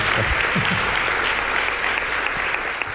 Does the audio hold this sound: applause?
yes